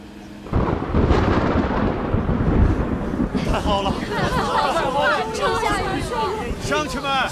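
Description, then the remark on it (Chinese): A sudden loud rumble of thunder rolls in after a brief quiet, with a steady wash of rain beginning underneath over a village, then several excited villagers call out over the downpour. “阿妈，看，又下雨了。”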